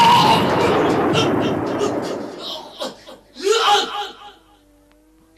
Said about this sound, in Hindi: तभी एक जोरदार धमाका हुआ।